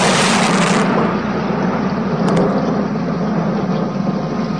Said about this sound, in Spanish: Bramaban las nubes, los truenos se sucedían unos a otros, se acercaba una terrible tormenta con intenciones de arrasar a la ciudad y a la parroquia.